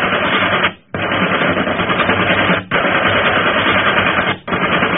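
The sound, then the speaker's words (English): Sustained bursts of rapid machine gun fire aimed at a ship, loud and dense, broken by three brief pauses before the clatter resumes. No voices are heard. “Keep firing!”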